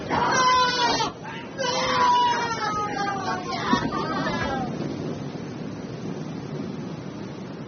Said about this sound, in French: Regarde, un troupeau de moutons.